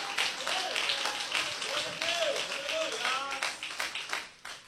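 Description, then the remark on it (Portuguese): A crowd applauds Jesus with steady, dense, continuous clapping, mixed with voices calling out and cheering, before the clapping thins and fades in the final second. “Pode aplaudir a Jesus.”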